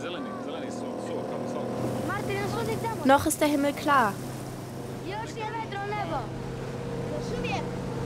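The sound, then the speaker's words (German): A motorboat with many children aboard drones steadily throughout, a low constant hum with a faint whine, while a person talks over it in short bursts. “Es sind viele Kinder im Boot.”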